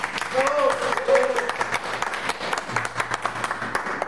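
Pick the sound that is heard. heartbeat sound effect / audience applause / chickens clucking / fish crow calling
audience applause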